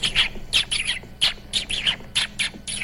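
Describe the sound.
A voice imitates dolphin sounds with a quick series of about eight high, squeaky chirps and whistles in uneven bursts, fairly loud, with no talking.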